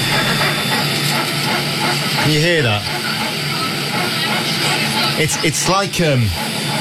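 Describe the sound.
Steady loud airplane cabin roar during a flight back, recorded on a phone held up in the air, with a strange rasping, sawing-like noise that rises and falls in short bursts, returning a few seconds later, while a person briefly speaks.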